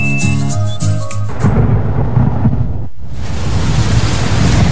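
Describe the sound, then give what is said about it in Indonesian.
A brief musical tone fades into a loud, steady wash of rain in the rainy season, with deep rolling thunder rumbling, continuing with no voices. “Pak, ini loh sudah musim hujan.”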